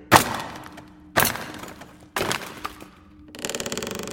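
Three sharp, heavy wooden cracks about a second apart as a hammer drives a chisel into a heavy wooden crate holding packed flak shells, then a quick rattling burst of smaller clicks and creaks as the wood gives way.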